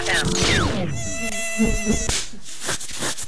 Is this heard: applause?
no